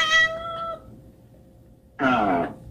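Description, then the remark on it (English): A cat meows twice, a drawn-out first call, then a short pause before a louder, strained second meow. No one speaks. “She decided she wanted to give him a conversation with her cat.”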